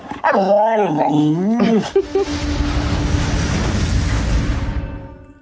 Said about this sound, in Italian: Si arriva al paradosso di illudersi di poter insegnare a parlare a un cane. Il cane può armonizzare alcuni dei suoi rumori al ritmo, all'assonanza delle parole che sente.